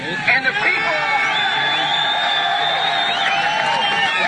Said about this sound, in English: W. Bush standing on the pile a few days after the terrorist attack, using a megaphone and some in the crowd shouting they could not hear what he was saying.